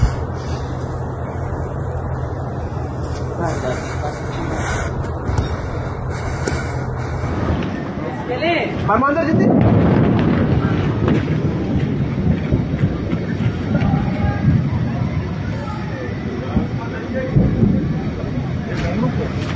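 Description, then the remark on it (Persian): A steady background hum gives way to a deep, booming roar partway through, an explosion and fire before dawn on Thursday 18 Tir filmed in a video from local sources, which keeps rumbling loudly to the end with faint, muffled voices underneath. “ویدئوی دریافتی از منابع محلی لحظه وقوع این انفجار و آتش سوزی را بامداد پنجشنبه 18 تیر نشان می‌دهد.”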